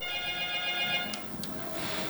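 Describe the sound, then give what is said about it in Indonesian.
A regular telephone rings steadily for about a second, a bright electronic tone over low background hum, then it cuts off with a couple of short clicks and noise as the call is answered. “Jadi kita angkat dulu dari telepon biasa ya sahabat budaya.”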